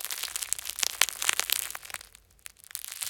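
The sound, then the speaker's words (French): Dense, dry crackling and crunching, fairly quiet, of a freshly baked, warm crusty loaf of bread crackling as it cools, with a brief lull before the crackles pick up again. No voices. “Tu entends? Le pain croustille.”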